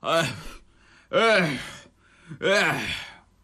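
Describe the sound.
A male storyteller imitates the heavy, ragged panting of an old demon worn out from retching while failing to vomit up Sun Wukong: three long, loud, breathy gasps, each starting sharply and trailing off, with short quiet pauses between them, dry.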